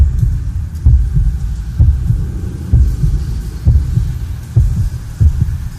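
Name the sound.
heartbeat sound effect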